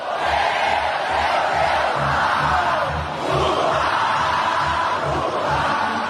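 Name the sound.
supporters cheering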